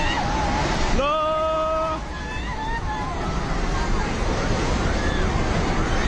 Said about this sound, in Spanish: Este es el sonido en el momento en el que la tromba de agua anegaba la zona entre Nepal, la India y China. Cientos de personas intentaban huir del agua al verse sorprendidos por la riada.